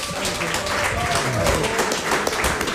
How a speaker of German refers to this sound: Erstmal einen donnernden Applaus